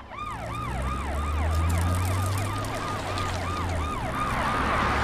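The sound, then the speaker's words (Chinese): A police siren wails in quick, repeated rising-and-falling sweeps, steady and loud, over a low rumbling engine drone, with no voices. “伙伴们，我们快跑，警察马上就来，你快跳上来。”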